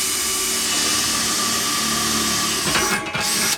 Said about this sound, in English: Back again, now with a new dish. So I'm going to drill the centre again. I haven't got time to mark the centre. It's very late now, so I'll just drill it about there.